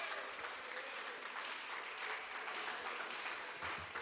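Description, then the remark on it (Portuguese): An audience claps steadily and continuously to welcome a woman preacher, a dense wash of many hands applauding at an even, sustained level with no voices standing out. “Vamos receber a serva do Senhor com alegria, com palmas para Jesus, mais alegre as palmas.”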